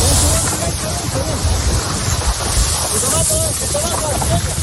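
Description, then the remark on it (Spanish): A wind-fanned wildfire roars loudly and steadily, a dense rushing crackle with no letup, while a few indistinct voices call out beneath the blaze as two Infoca firefighters run from the nearby, towering flames. “Este sonido que escuchan ahora es el de dos miembros del Infoca que tienen que salir corriendo por la cercanía y la altura de las llamas.”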